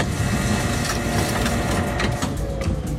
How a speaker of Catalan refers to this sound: Ho ha fet amb el so d'una impressora.